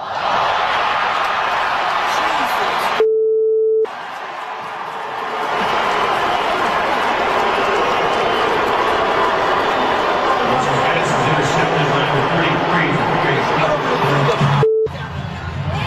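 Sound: stadium crowd booing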